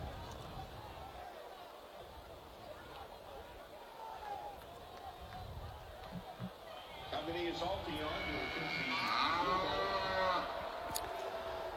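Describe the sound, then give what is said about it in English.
Drawn-out cow moos boom over stadium loudspeakers at a football game as the Chick-fil-A cow comes out to distract the kicker before a 40-yard field goal attempt, rising above a steady roar of crowd noise, with several long lowing calls clustered together near the end. “And so the Chick-fil-A cow comes out to try and... I thought that was the thundering herd.”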